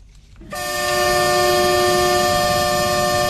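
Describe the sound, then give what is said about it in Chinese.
A freight train horn blares in one long, steady blast at Yiwu West Railway Station in Zhejiang, from a train loaded with daily goods, auto parts and machinery. It begins after a brief low rumble and holds loud, with a rich chord-like tone, until the end. “在义乌铁路西站，一列满载日用百货、汽车配件、机械设备等货物的浙江”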